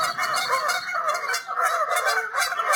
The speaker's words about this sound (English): Joy Radio presents The Canada Goose.